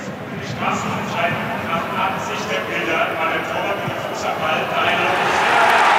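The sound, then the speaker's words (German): A large football stadium crowd at a Leverkusen versus Union Berlin match roars and cheers after a penalty is ruled out, in a dense, continuous wash of voices that holds steady, then swells louder toward the end. “Und der Jubel macht's klar.”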